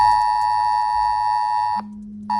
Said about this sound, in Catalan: hem sentit també, com nosaltres, perquè probablement segur vaja haurà sonat en el seu telèfon mòbil aquest so.